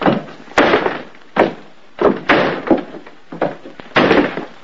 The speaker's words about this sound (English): Jim and Muriel climb the wooden staircase with slow and even steps.